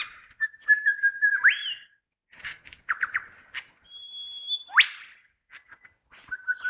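A lyrebird imitates a wattlebird's harsh squawking call, mixed with sharp whistles, rising sweeps and bursts of chirps, loud with no talking.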